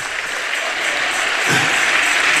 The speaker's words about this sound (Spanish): Si ese aplauso es para Dios, de lo más fuerte.